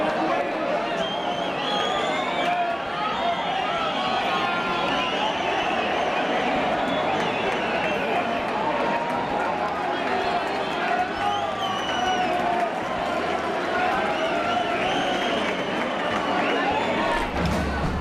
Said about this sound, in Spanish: Esos aplausos son en el momento, sí, en el que ese chopo se pone en vertical. Muy bonito